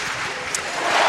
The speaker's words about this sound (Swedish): Och jubel på Alexander Stadium när Jaroslava Magusji klarar 1,97 direkt i höjdhoppet.